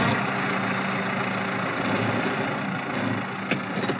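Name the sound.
tractor engine idling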